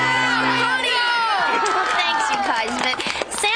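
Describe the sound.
A group of voices cheers loudly together for their coach in a sustained, excited burst, with overlapping shouts and a few scattered claps.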